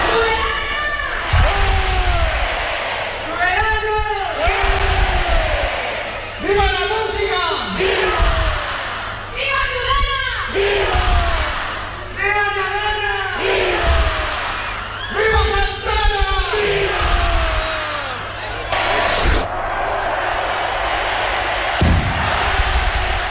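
A large outdoor crowd roars and chants in loud, rhythmic waves of shouting and cheering at the opening rocket launch of the Santa Ana 2026 festival in Tudela, Navarra, with a sharp bang near the end as the rocket, lit from a balcony by the Fernando Remacha Music School, goes off.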